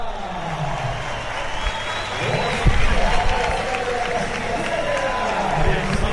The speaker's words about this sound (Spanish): Bueno, pues ovación para Enric Mas, que va a salir al podio